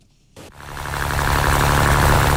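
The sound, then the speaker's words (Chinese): A fishing boat motor coughs to life after a brief quiet moment at 7 a.m. in Sanya Yazhou Central Fishing Port, China, under warm sunshine on a sparkling sea. Then its steady droning rumble builds and grows louder, a continuous mechanical hum, as the boat heads for a deep-water fish-cage farm 7 nautical miles away. “早上7点，暖阳轻洒，海面波光粼粼，三亚崖州中心渔港内马达声响起”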